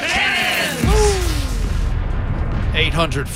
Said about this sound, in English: Fire the cannons!